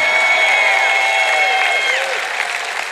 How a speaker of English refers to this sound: you're going to clap and cheer over any message, if you're ever anywhere again and somebody says we're going to talk about self-control tonight, you shout and clap and cheer like it's going to be the best message you've ever heard in your whole life.